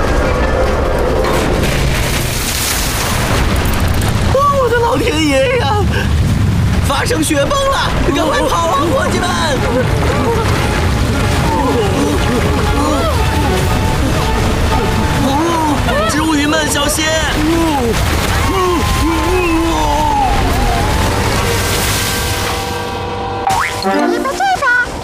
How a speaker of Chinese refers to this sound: 老天爷呀！发生雪崩了，赶快跑啊，伙计们！